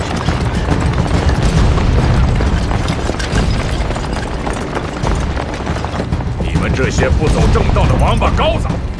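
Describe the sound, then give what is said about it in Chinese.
Loud, dense gunfire and booming blasts roll on continuously, chaotic, with shouting voices rising through the din near the end, in a battle during the Nanchang Uprising. “南昌起义，在我们这里也有响亮的枪声。”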